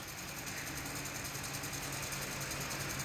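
A giant industrial sewing machine stitches mattresses, sewing the cut-to-size layer wrapped around the top quilt padding; its dense mechanical whir and rapid chattering hum continue at an even, moderately loud level throughout, with no voices.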